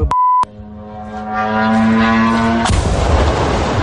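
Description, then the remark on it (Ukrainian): A brief electronic beep, then a steady buzzing drone engine whine that grows louder before a sudden loud explosion cuts in, followed by a rough, sustained roar of blast noise, as at least several drones strike a 176,000-square-metre Wildberries marketplace warehouse near Vladimir, Russia. “У склад на 176 тисяч квадратних метрів влітає щонайменше кілька дронів.”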